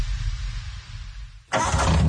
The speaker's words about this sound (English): Don't worry, bro. That noise just means the engine is purring. Like a lion. That's not a purr, man. Your clutch is slipping.